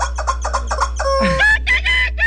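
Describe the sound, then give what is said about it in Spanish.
A squeezed toy rooster squawks loudly: a quick run of about six short, nasal clucks, then a longer, strained squawk rising and falling, with a steady low hum underneath. “Mire cómo le suena a ese gallo.”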